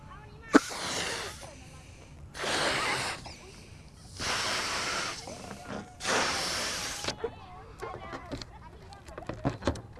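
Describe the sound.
A person blows out hard into a container four times, each long, breathy whoosh lasting about a second with short pauses between, followed by faint scattered voice sounds.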